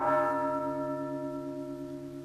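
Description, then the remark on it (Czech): A clock bell strikes once, a rich metallic tone full of layered overtones that rings on and slowly fades. No voices are heard. “Slyšel? Zas je má nuda starší o hodinu.”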